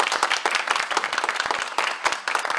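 An audience applauds steadily, many hands clapping in a dense, crackling patter that stays fairly loud and even throughout, with no voices standing out.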